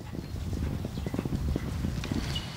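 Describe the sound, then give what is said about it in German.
Ridden horses galloping over a meadow on the way to the Bodden, a rapid, continuous thudding rhythm of many low, dull beats at steady loudness, with no voices. “Das waren ja bestimmt 20, 30 Stück und wir sind über die Wiese galoppiert.”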